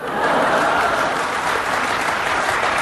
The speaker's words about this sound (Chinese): 北京人都知道的，而且对于您这个人，从外表到内在体现您的性格，我说出来大家鼓掌得认可。